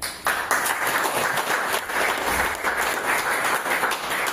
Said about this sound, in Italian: Applauso d'obbligo per mister Formisano